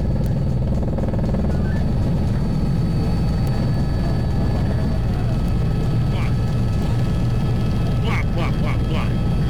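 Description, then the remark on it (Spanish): Loud, steady helicopter engine and rotor drone fills the whole recording, heavy, heard from on board one of the helicopters of the operation fighting a fire near Íscar that burned cereal fields, pasture and pine woods, with faint voices briefly surfacing near the end. “A bordo de uno de los helicópteros del operativo”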